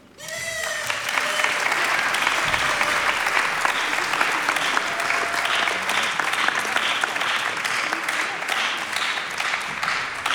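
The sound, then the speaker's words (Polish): Loud, sustained applause from a large audience at a Polish Radio Program One award presentation, after the prize for a band, fills the space after a brief moment of quiet, the dense clapping holding steady for about ten seconds without any talking over it. “Wielkie brawa.”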